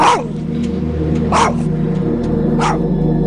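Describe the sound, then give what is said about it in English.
A dog named Sparks barks three times at a steady, spaced pace, each bark sharp, over a constant low hum of traffic or machinery, on the 3600 block of Falls Road in Baltimore. “her dog Sparks on the 3600 block of Falls Road in Baltimore.”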